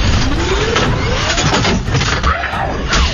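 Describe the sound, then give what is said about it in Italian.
A small scooter engine chugs loudly and roughly, its pitch sliding up and down in uneven bursts as it sputters and fails to start, with no one speaking. “No, motorino, no! Non mi lasciare!”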